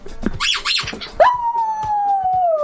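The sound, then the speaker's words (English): Poppy, a dog, howls: a few quick rising yelps, then one long, sustained howl that holds steady and slowly slides lower in pitch until the end. “Just Poppy howling.”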